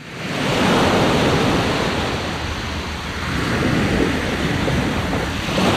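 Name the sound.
ocean waves and wind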